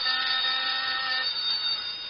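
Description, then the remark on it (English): A telephone bell rings in one steady, unbroken burst with a bright metallic tone. It is fairly loud and fills the whole moment, and no one speaks. “This phone's ringing.”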